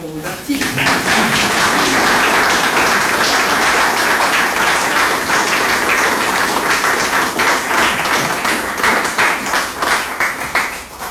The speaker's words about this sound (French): Et vos applaudissements que je vous invite à concrétiser vont d'abord pour eux.